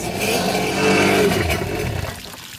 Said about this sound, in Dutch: En dan gaat het water door die motor heen. Ja, die spoelt er nu even.